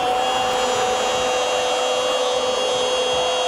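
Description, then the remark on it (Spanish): A power drill whirs steadily with a high, constant motorized whine, loud, running without pause for the whole stretch with no voices, used as a sound effect in a hardware store radio advertisement. “Taladro perfora la defensa para Ferretería Casa Ramos.”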